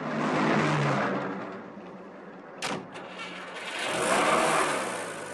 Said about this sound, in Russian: Такси останавливается на набережной. Семен Семенович с авоськой садится в машину.